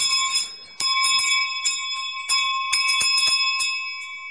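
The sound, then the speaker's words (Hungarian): Sheep bells clang in quick, irregular strikes, bright metallic tones ringing on and overlapping, as if being shaken by hand, with no voices. “Ott fekszik a mezőn, mögötte a juhokkal. Ezek a csengők, ott szóltak azon.”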